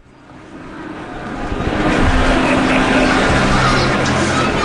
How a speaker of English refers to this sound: The Piazza Maggiore, Bologna, early on a Sunday afternoon. Listen carefully. Beyond the sound of the motorbikes, the boisterous conversation, the merry squeals of children chasing the pigeons. Listen, and you can hear the soundtrack to daily life.